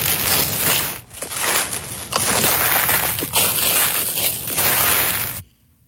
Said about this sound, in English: What's that? It sounds like leaves rustling. That'll work. That's leaves. That's leaves.